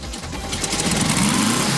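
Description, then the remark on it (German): A small light-blue Volkswagen Kamanchira idles on the new main square in Obergrafendorf, in front of a summer tour bus. The engine has a steady, rattly purr, its low rumble and buzzy mechanical hum holding at a fairly even level throughout, with no voices. “Ah, jawohl, wie ein Kätzchen schnurrt da. Ein Volkswagen Kamanchira, ein ganz besonderes Stückerl in einem wunderschönen Hellblau.”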